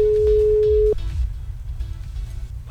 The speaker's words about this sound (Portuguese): Se liga na parada aí, vambora pro telefone, já começa a tocar.